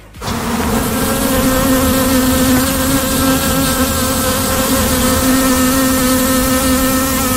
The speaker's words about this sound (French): C'est ce son, voilà, que l'abeille émet. Et ce son spécifique lorsque l'abeille a trouvé, par exemple, de nouvelles fleurs à butiner.